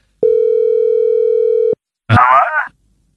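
A steady, loud telephone dial tone of an outgoing call hums unbroken for about a second and a half, then cuts off; after a short pause a voice speaks briefly.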